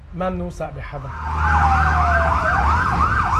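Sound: emergency vehicle siren wailing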